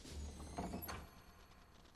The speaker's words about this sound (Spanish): ¡Vosotros! ¡Cerrad la puerta del templo y selladla!